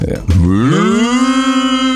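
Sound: cow mooing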